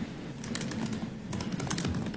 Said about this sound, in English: Somebody's typing really loud, too. I don't know who that is. I'm looking around at the grainy video trying to see whose fingers are moving.